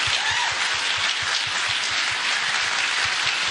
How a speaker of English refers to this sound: Big clap.